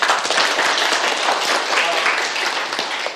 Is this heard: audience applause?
yes